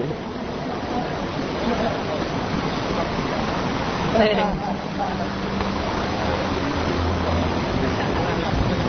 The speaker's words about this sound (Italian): Sta cadendo una pioggia della Madonna, è incredibile.